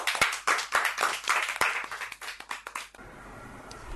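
A group claps loudly and rapidly for about three seconds in applause for a person, a dense burst of overlapping hand claps that cuts off abruptly into quiet background noise.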